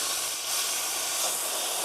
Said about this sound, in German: Dampflanze wird vorbereitet, dass man damit auch Milch schäumen kann.